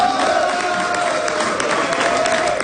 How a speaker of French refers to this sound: C'est sous les acclamations de ses partisans que Diane Dallaire a célébré sa victoire.